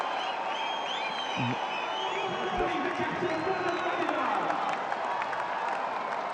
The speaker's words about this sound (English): Fabulous, fabulous innings this. Look at the entire dugout. Everyone on the ground will cheer that knock.